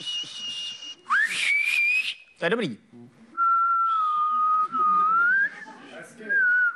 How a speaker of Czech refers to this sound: Umíš pískat? Takhle jo? Ne, takhle ne.